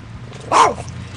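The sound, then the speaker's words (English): A small black-and-white rat terrier chihuahua mix gives a single sharp, high-pitched bark, fairly loud, over a low steady background hum, at an independent living group home on Falls Road. “He's a rat terrier chihuahua, and he doesn't let people get too close to me.”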